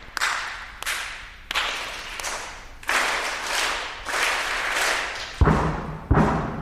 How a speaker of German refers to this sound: Von den Rängen klopft es begeistert zurück. Zwei Schulklassen schauen ihm entgegen, klatschen in die Hände und stampfen mit den Füßen.